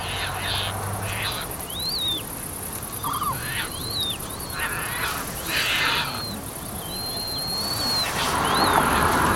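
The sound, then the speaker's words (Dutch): Repeated thin, high-pitched piping begging calls of young terns, short rising-and-falling squeaks coming in irregular bursts over a steady hiss of wind or insects, with no voices. “Die hoor je piepen, hè? Dat hoge gepiep. Dat bedelroepje.”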